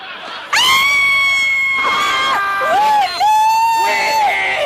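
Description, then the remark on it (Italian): Several people suddenly break into loud, sustained shouting and cheering together, their overlapping yells rising and falling for a few seconds. “Stavamo solo urlando.”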